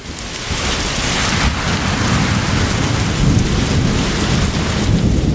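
Heavy rain pours down in a steady, loud hiss while deep thunder rumbles continuously underneath, with no voices throughout.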